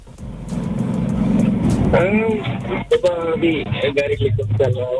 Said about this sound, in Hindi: गाड़ी चला रहे अभी? अच्छा, ड्यूटी पे जा रहे हैं, रस्ते में.